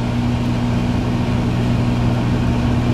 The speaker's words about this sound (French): Là, vous écoutez un micro-ondes qui tourne.